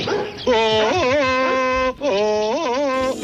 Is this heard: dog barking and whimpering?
yes